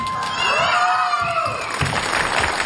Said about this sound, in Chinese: 可以看到这边的运动员呢都欢呼雀跃起来，可见他们对自己的成绩是非常满意的。